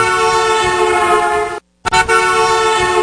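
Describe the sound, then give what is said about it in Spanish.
A loud horn sounds in two long, sustained blasts separated by a brief silence, with a rich, brassy tone and no voices, marking five o'clock on a Friday. “Pitazo a las 5 y así vamos a dar comienzo a las movitas de la hora tráfico de los viernes aquí en tu estación de casa.”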